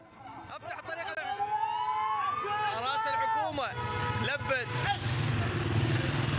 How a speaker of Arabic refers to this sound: لاحقا تدخلت قوى الأمن لحل الخلاف ووثق ناشطون من أبناء المنطقة وصول سيارات الشرطة إلى موقع الاشتباكات.